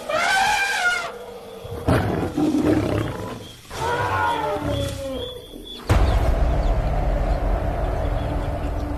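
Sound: lions roaring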